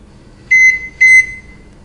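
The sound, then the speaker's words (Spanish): Two short, clear electronic beeps from a microwave oven, evenly spaced about half a second apart, fairly loud against a quiet background. “Microondas.”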